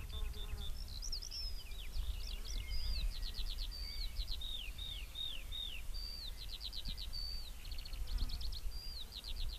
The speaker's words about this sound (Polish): No tutaj między innymi właśnie mamy śpiew teraz skowronka, którego nie widzimy, ale on tutaj nam gdzieś pewnie podlatuje i w tym samym czasie zaczyna śpiewać.